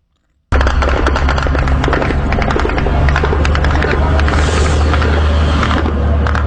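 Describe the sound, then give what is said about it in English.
A dense, loud roar of Ukrainian attack drones and explosions as they hit targets in Russia, with rapid sharp cracks and bangs peppering a constant low rumble as strikes land in quick succession. “The sound of Ukrainian drones as they hit targets in Russia.”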